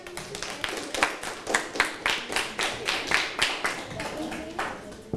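A classroom of students clapping for classmates after their group presentations of scale models, a steady patter of many hands at moderate loudness, with rhythmic surges of claps continuing for several seconds without any speech over it.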